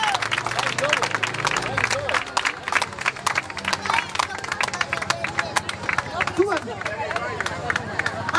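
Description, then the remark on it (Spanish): An audience applauds steadily to welcome the first band onto the stage, a dense patter of many hands clapping at once for several seconds, with a few voices and cheers mixed into the noise. “Bueno, vamos a recibir a la primera banda con un fuerte aplauso.”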